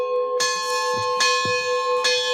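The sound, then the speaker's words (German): Church bells ring out steadily, their strikes overlapping in a rich, sustained peal with long ringing overtones. No voices are heard. “Der Mönch Philimon wünscht sich, dass es wenigstens zu Pfingsten ruhig bleibt und ausschließlich der Klang der Glocken zu hören sein wird.”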